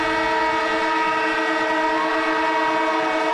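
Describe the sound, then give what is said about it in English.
A loud siren blares in one long, unbroken blast, a steady buzzing drone with rich harmonics that holds at the same pitch for several seconds, with no voices. It goes off on 774 ABC Melbourne radio to announce AFL legend and ABC sports commentator Cameron Ling. “And the siren goes off, which means Cameron Ling, AFL legend, ABC sports commentator, is in the house with some breaking news, Lingy.”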